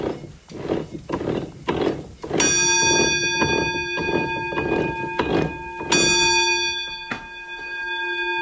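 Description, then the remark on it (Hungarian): A warning bell on the roller stands of a water-driven mill, which rings when the mill runs empty, strikes twice, each strike bright and lingering, over a steady, rhythmic wooden clatter of the running machinery. No one speaks. “A malomnak a hengerszékein van egy csengő, ugye, és az, amikor üresen ment a malom, az csengetett.”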